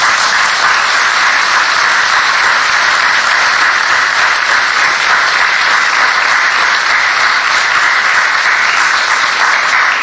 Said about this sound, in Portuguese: Adiantaram-se, eu ia pedir uma salva de palmas, mas também prontos.